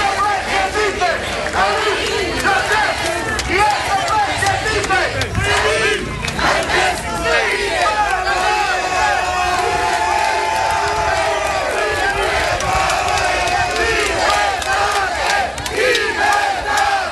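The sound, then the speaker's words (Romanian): Hundreds of supporters cheer and shout together on the steps of the Bucharest Court of Appeal in Romania, voices rising in loud, rhythmic chants and whoops that continue steadily throughout, dense, with scattered clapping mixed in. “Dimineață, el venise încrezător în fața instanței, mai ales că sute de susținători l-au așteptat cu ovații pe treptele Curții de Apel București.”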